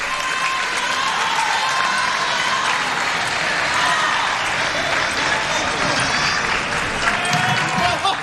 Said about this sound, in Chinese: 好，我们看到看台上中国队都在起立鼓掌。